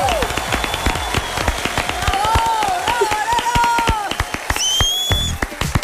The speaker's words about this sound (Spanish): Buenas tardes para todos. Bienvenidos, señoras y señores. El aplauso para este equipo. ¡Woo!